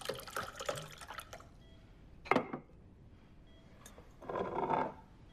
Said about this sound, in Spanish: Sirve el agua en un vaso.